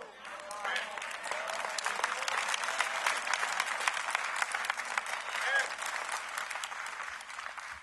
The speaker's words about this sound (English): Are you ready? I'm going to see how many claps we get on this one.